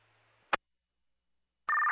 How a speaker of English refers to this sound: acknowledge your alert tones and start an activation.